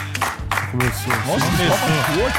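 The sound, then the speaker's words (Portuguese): An audience claps steadily in a dense, continuous wash of applause, with several voices shouting and cheering over it at a loud, even level throughout. “A salva de palmas pra mim.”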